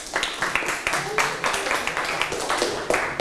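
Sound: children clapping their hands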